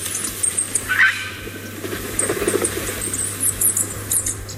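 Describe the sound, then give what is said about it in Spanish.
Two Bonelli's eagles, a female and a male, in Navarra, Spain, calling in thin, high-pitched squeaky chirps, repeated in short bursts over a steady low hum and rustling background noise, with a brief lower call early on. “El sonido de la vida en Navarra podría ser este, el sonido de dos nuevas águilas de Bonelli que vuelan ya por Navarra antes de emprender su vuelo hacia otras zonas, dispersarse.”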